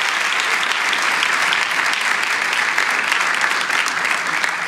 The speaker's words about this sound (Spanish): Amén. ¿Podemos dar un aplauso de agradecimiento a Cristo por la iglesia? Gloria a Dios.